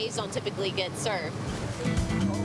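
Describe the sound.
A voice talks briefly, then a broad, steady rush of surging water takes over: the churning wash of a ship's bow wave, moderately loud and continuous.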